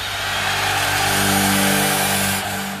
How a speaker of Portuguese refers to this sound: Trânsito.